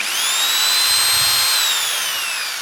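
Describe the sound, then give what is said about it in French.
A power drill whirs steadily at high speed, its bright, whining tone holding nearly constant for a couple of seconds before tapering slightly, loud with no voices. “Avec une perceuse.”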